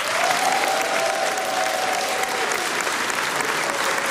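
Sustained applause from a large audience in a historic hall in Luhačovice, welcoming actors Zlata Adamovská and Petr Štěpánek, a dense steady wash of clapping at even loudness throughout, with a faint tonal whistle or hum briefly audible beneath it.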